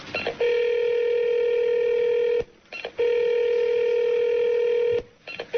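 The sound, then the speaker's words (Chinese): A telephone rings out unanswered, with two long, steady electronic ring tones separated by short pauses, clear, with no voices, as the emergency phone is called from inside a stalled elevator where five people are trapped. “一般电梯里面有急救电话。 快点， 急救电话。”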